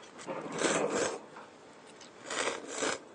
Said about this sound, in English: By slurping, you're eating not just the noodles, but also the soup that comes with it. And that's the purpose of slurping.